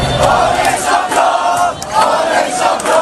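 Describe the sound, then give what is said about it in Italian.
A large crowd of PSG fans in Paris roars and cheers without pause at 9 pm as Paris Saint-Germain win the Champions League final after extra time and penalties, a dense wash of shouting voices that swells and dips slightly, with sharp whoops and yells rising above the steady din. “Dopo i tempi supplementari e i rigori, alle 21 il grido di gioia.”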